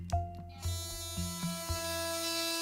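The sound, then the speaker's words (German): An electric toothbrush running in clean mode hums steadily, its motor buzz pulsing in a regular rhythm about twice a second, with no one talking. “So sieht man, in welchem Modus sich die Zahnbürste gerade befindet. Zuerst der Clean-Modus.”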